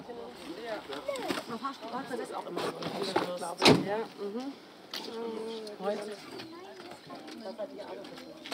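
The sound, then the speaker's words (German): A bus door shuts with a single sharp thud partway through, while voices chatter steadily over low engine rumble. The bus is taking hikers from Flaps to their starting point in the mountains on the morning of the third day of a hike to Meran. “Von Flaps bringt uns ein Bus zu unserem Startpunkt.”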